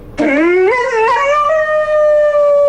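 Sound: dog howling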